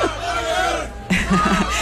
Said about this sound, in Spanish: Les están escuchando, ¿verdad? Antes estábamos escuchando "Esta es la juventud del Papa" y sigue habiendo gritos. Papá León.